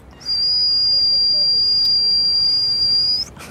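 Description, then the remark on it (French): A young accordionist imitates a pressure cooker (cocotte-minute) with his mouth: a loud, steady, high-pitched whistle held unbroken for about three seconds, then cut off abruptly, with no talking. “Un jour, un son est sorti de ma bouche, ça ressemblait à une cocotte minute.”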